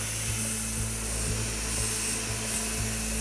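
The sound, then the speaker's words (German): A surgical drill runs steadily with a dense, hissing mechanical whir, a low hum and faint rhythmic thumps underneath. No one speaks. “Bohrer für mich, bitte. Das klingt jetzt gleich wie beim Zahnarzt.”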